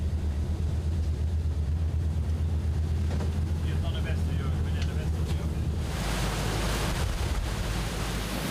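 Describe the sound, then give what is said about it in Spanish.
A pilot boat's engine drones steadily as it motors through choppy water on the river Ems, heading into the wave current with the wave coming from the stern, wind buffeting, then a loud rushing wash of waves surges in over the final few seconds. “Nos adentraremos en la corriente de la ola.”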